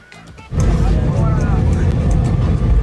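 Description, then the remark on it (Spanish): Passengers applaud footballer Gil Mora as he walks down the aisle of an airplane cabin, a dense, loud burst of clapping that starts abruptly after a brief murmur and holds steady, with excited voices mixed into the crowd noise. “Escuche usted cómo le aplaudieron a Morita en el avión.”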